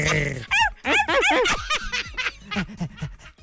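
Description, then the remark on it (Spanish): A person mimics a dog in heat, letting out a string of whiny, rising whimpers mixed with rough growling noises, fairly loud, in quick uneven bursts over a few seconds. “Es un ¿ya perro ves? En celo.”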